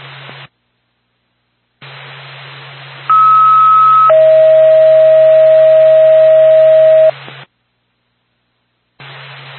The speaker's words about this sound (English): Norpac, Whitefield Ambulance, standby for tone.